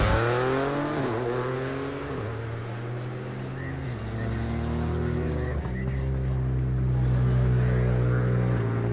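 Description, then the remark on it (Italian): The Solis–Zanini Rally 3 rally car, leading the Rally 3 class, accelerates hard off the start, its loud buzzing engine note climbing steadily and dropping abruptly at several gear changes, with no voices over the continuous roar. “Ricordiamo essere in testa alla classifica con le vetture Rally 3.”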